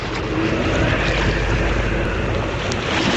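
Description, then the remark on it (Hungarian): Steady, loud wind roars across open water at Szeged with a broad, rushing hiss, blowing against a rowing boat being rowed toward the embankment by the railway station, constant for the whole stretch, with faint watery movement and boat noise beneath it. No voices. “Húzzál erősebben, a szél ellenünk dolgozik!”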